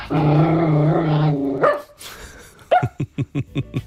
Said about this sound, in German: Und jetzt machen wir aus Fees Bellen einen HR4-Hit